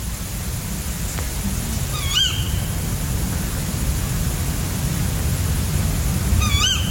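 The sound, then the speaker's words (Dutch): Two short, hoarse, wavering tawny owl calls from a male at around 3 a.m. on Wednesday 5 August in Keerbergen, near Mechelen, a few seconds apart, over a steady rumble of wind or rain noise. “Vannacht, woensdagochtend 5 augustus, hoorde ik rond 3 uur de roep van dit schorre bosuilmannetje hier in Keerbergen, in de buurt van Mechelen.”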